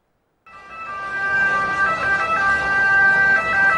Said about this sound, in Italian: Dopo il caso di un'ambulanza bloccata nel traffico del Vomero, fine settimana di controlli nelle zone della Movida partenopea.